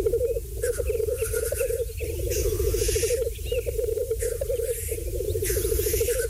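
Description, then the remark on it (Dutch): A steady, low bubbling coo from black grouse at a lek during their mating dance, rolling on continuously, with several harsh, hissing sneeze-like calls bursting out over it at intervals. “De vogel is wereldberoemd vanwege zijn uitbundige paringsdans. Die klinkt trouwens zo.”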